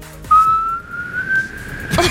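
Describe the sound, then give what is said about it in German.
A woman whistles a children's song melody: a single clear, sustained note that slowly glides upward in pitch, fairly loud, with no one talking, ending abruptly in a brief noisy burst. “Alle meine Entchen klingt so...”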